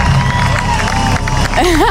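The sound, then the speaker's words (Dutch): A large festival crowd applauds and cheers loudly and steadily after a concert, a dense wash of clapping and voices, with a rising, wavering whoop from one person breaking through near the end. “Je hoort vooral nog veel applaus.”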